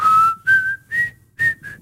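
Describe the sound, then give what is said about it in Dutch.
A person whistles a short melody of several rising notes in bursts, clear, with brief pauses between phrases and no talking. “Kun jij goed fluiten?”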